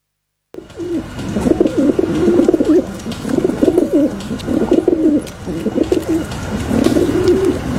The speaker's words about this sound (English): The Feral Pigeon